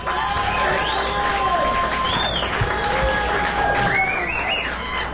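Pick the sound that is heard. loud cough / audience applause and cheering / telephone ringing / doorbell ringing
audience applause and cheering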